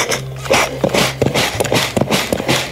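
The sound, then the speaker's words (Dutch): A tailor's sewing machine runs with a low motor hum beneath uneven bursts of clattering, knocking strokes that come in quick, irregular runs at a fairly loud level, with no talking. “Wat is belangrijk voor de kleermaker is het geluid van de naaimachine en de streek.”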